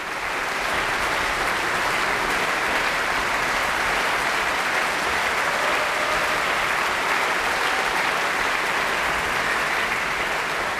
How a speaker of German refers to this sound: Mit einem klangprächtigen Finale und triumphierendem Jubel endet Peter Tschaikowskis 5. Sinfonie, die sogenannte Schicksalssinfonie. Und Jubelrufe hat das Publikum auch für das Mahler Chamber Orchestra und den Dirigenten Maxim Jemeljanitschew bereit.